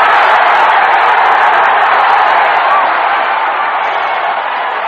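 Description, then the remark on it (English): A home stadium crowd of 70,000 Canadian fans roars and cheers as 20-year-old high jumper Joy clears 2.23 meters, a dense, continuous wall of noise, loud and steady throughout, easing off only slightly toward the end, with no distinct voices standing out. “As you heard that enthusiasm from the crowd, they knew that Joy had the silver for sure and still had a chance at gold, which Joy had predicted would be won with a 2.25 meter jump.”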